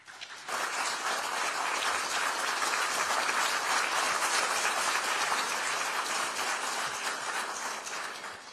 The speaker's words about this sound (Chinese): 下面让我们以热烈的掌声有请俄罗斯联邦总统普京阁下致辞。